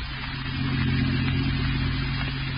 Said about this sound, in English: And an hour later, as you and Douglas drove in his car toward your aunt's house.